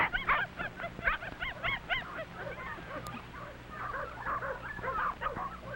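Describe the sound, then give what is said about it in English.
A mother dog named Mac barks in quick, repeated bursts, sharp, with high yipping calls tumbling over one another and no one speaking, frightened and warning her pups as a big dog waits nearby. “Mother Mac is frightened and warns her pups.”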